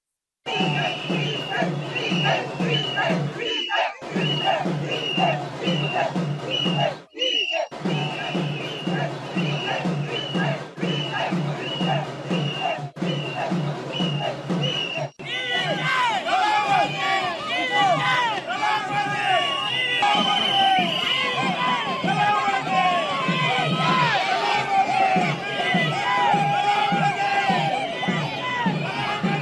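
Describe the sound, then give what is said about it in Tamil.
TVK party supporters celebrating election leads at the party headquarters in Panaiyur, bursting firecrackers and handing out sweets, with a steady rhythmic pulsing for the first half before it swells into loud, dense cheering and overlapping shouts. “இந்த தேர்தலில் தவேக பெரும்பாலான இடங்களில் முன்னிலை வகித்து வருவதை அடுத்து பனையூரில் உள்ள அக்கட்சியின் தலைமையகத்தில் தவேகவினர் பட்டாசு வெடித்தும் இனிப்புகளை வழங்கியும் கொண்டாட்டங்களில் ஈடுபட்டு வருகின்றனர்.”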